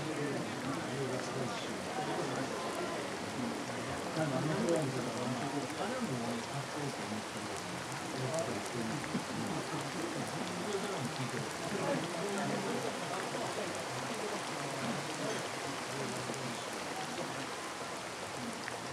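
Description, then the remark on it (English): Steady rain falls without a break, a dense, even hiss of drops that holds the same level from start to finish. “And never to have had to listen to rain, so much like politicians' speeches.”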